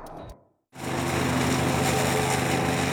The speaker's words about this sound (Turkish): İşte size neredeyse hiçbir şeye takılmadan yoluna devam edebilen ağır işlere uygun bir çim biçme makinesi. Yoluna çıkan her şeyi yere yatıran geniş bir çalı kesme aparatı da var.